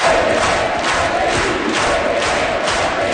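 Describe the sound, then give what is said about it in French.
A packed crowd in the Salon rouge (Red Room) of Quebec's National Assembly cheers loudly and continuously as the designated premier, Paul St-Pierre Plamondon, enters: a dense roar of many voices with rising swells of acclaim, filling the room throughout. “Le premier ministre désigné est entré sous les acclamations dans un salon rouge plein à craquer à l'Assemblée nationale.”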